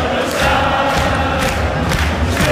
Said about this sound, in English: But this is what it sounded like at Fenway Park yesterday. And this is in the concourse. The thousands of Scottish football fans. And it went into the crowd as well. Like it went into the game.